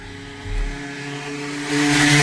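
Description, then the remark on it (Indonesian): A motorcycle engine hums with a steady droning tone, then grows louder and harsher as it rushes past. No voices are heard. “Oi, hati-hati dong kalau bawa motor.”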